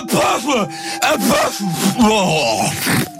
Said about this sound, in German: Und nach ein paar Jahren ist das so anstrengend, diese Nieserei, wie so ein 24/7-Hörspiel.